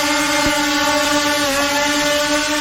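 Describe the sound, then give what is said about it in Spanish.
A helicopter drones steadily overhead, circling for a long while above the plan (lower town) of Valparaíso, its engine producing a continuous, fairly loud whine and hum with no pauses and no voices. “El otro es un helicóptero y está sobrevolando hace un buen rato el plan de Valparaíso.”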